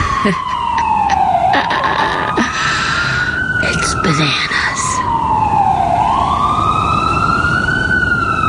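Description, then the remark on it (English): Ambulance sirens, heard from an open window on a sunny morning, wail outdoors, rising and falling in long, slow sweeps that carry on steadily and loudly throughout, with a person speaking briefly over it. “Every one of those sirens, I just think, is, you know, some poor person who can't breathe.”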